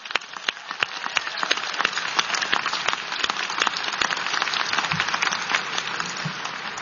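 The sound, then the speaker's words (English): A crowd at MSU applauds their team steadily for about seven seconds, many hands clapping in a dense, crackling wash with sharper individual claps popping out, holding an even loudness throughout with no voices. “So let's applaud your team up there.”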